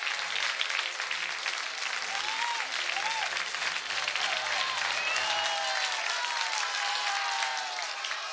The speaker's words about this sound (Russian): После каждого фуэте или особо понятного только специалистам трюка зал раскалывался аплодисментами.